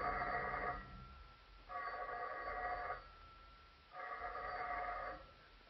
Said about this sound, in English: It was shortly after 11 o'clock when I got back to my apartment. Almost at once, the telephone began ringing.